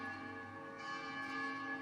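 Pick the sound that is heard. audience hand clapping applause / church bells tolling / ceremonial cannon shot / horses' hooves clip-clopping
church bells tolling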